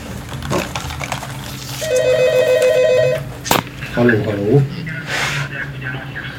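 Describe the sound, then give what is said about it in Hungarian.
A telephone rings for a listener calling in to a radio discussion, a quick, steady electronic trill for about a second and a half, fairly loud, with background noise and a brief voice afterward. “Az telefon.”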